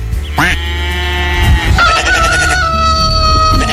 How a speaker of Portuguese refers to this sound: O galo cantou.